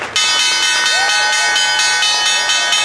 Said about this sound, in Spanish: El secretario de Estado, Marco Rubio, tocó la campana de apertura en la Bolsa de Valores.